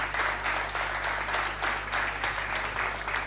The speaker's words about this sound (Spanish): Así que muchas gracias. Seguimos. Sí, un aplauso para él.